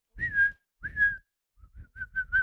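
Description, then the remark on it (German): Someone whistles in imitation of a bird as a clue in a 'which animal am I?' guessing game: two drawn-out, slightly wavering notes, then a quicker series of short chirping peeps at a similar high pitch, with no talking over it. “Ich glaube, du bist ein Vogel. Richtig.”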